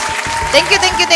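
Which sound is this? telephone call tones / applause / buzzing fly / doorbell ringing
applause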